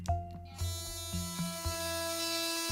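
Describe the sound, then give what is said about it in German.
An electric toothbrush with an LCD display runs in clean mode: a steady electric buzz with a strong low hum and bright harmonic tones, pulsing in short regular bursts at first before settling into a continuous drone, with no voices. “So sieht man, in welchem Modus sich die Zahnbürste gerade befindet. Zuerst der Clean-Modus.”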